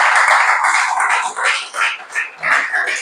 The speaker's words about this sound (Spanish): Yo le daría un aplauso a esta palabra preciosa.